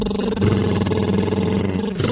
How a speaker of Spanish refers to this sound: Un trino de labios, solo así.